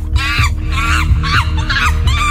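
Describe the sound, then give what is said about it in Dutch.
A monkey calls out in a quick series of about five loud, rising-and-falling cries, clear, over a steady low rumble, with no one talking. “Welk beest zoeken we? Een aapje. Ja!”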